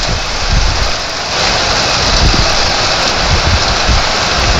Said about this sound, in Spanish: Oye, ¿cómo se escucha esa lluvia?